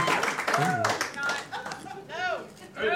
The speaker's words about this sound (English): All right. You could have just not clapped. Be definite about it.